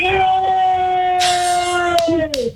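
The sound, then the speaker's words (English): A long, steady wolf-like howl from the speaker's family in the background holds one pitch for a couple of seconds before wavering and dipping at the end, fairly prominent over a busy background of muffled noise. “Okay, that's my family in the background. There's like a wolf howl in the back.”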